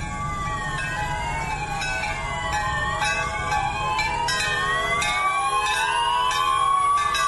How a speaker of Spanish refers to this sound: las sirenas, los pitos, las campanas de las iglesias que sonaron a las 7:34 para rendir un homenaje a quienes perdieron la vida, a sus familias y a quienes perdieron todo. Así se escucharon estas campanas y estas sirenas.